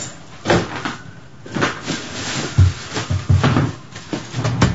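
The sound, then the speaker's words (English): A door opens and shuts amid a series of soft knocks and thuds, with some rustling movement around it as two people walk out the door; no one speaks, and the sounds are moderately loud. “You're both quiet as you walk out the door.”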